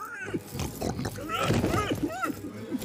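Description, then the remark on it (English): A voice imitates a pig as the Great Storm Unicorn speaking pig, making a quick run of nasal, snorting oinks and grunts for about three seconds, fairly loud. “Pig.”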